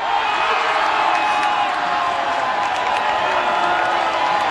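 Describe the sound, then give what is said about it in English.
A large crowd of fans at FanFest roars after Canada scores a fourth goal in a World Cup match, in a steady, dense wall of cheering that never lets up, with scattered whoops and sharp whistle-like bursts rising above the din. “So that crowd absolutely went nuts when the goal went in.”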